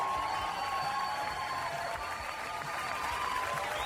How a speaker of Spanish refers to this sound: Así que un fuerte aplauso para todos nosotros. Somos re importantes en este mundo. Vamos a aplaudir fuerte. Eso, por ser viernes y porque somos importantes.